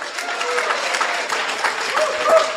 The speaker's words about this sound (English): Now y'all clap them.